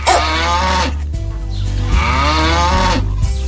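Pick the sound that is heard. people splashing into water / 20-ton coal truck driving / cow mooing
cow mooing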